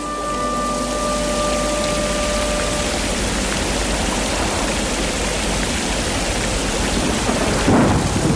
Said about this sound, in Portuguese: Ai, Jesus, que trovoada tão forte, Santa Bárbara nos acuda.